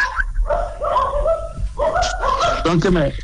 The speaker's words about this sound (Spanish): Están ladrando. Los perros. Esos perritos chiquitos, además, ¿sabes?